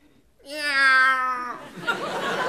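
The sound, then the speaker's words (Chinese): A man's voice lets out a long, drawn-out, loud yowling meow in imitation of a cat, bending in pitch, as a performer's 'expression of feeling' before reciting a doggerel poem on stage, followed by a burst of audience laughter and noise. “哎， 我以为哪位踩了猫了呢。”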